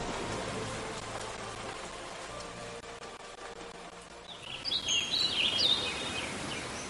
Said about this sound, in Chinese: 天上响起了一阵雷，又下雨了。伴着滚滚的雷声和哗哗的雨声，他们离开了上海。